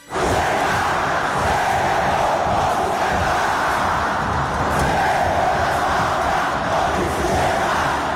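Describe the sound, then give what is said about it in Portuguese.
A dense stadium crowd of América de Natal football fans roars and cheers without pause at the Arena das Dunas, a loud, sustained wall of massed voices with chanting swells rising and falling throughout. “Acompanhe a festa da torcida do América de Natal na Arena das Dunas.”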